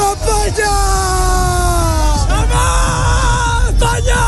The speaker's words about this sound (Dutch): Lang leven Spanje, roepen ze.